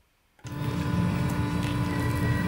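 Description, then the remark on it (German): After a brief silence, an 800 hp Mercedes-Benz electric truck pulling a short living container starts up and drives onto the stage at the IAA, with a loud, steady low rumble and a thin electric whine running over it, holding constant to the end with no voices. “So klingt es, wenn Tobias Wagner seinen 800 PS Lkw auf die Bühne der IAA bewegt.”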